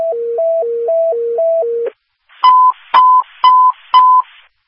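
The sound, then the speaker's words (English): A two-pitch dispatch alert tone, a standby signal, warbles steadily back and forth for about two seconds, then pauses before four short, evenly spaced beeps with a crackly radio edge, ahead of a call sending unit 91 and an engine to Meridian Stratford for difficulty in breathing. No one speaks. “Standby signal.”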